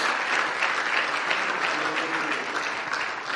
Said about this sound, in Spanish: Denle un aplauso al Señor si puede, por favor, por favor.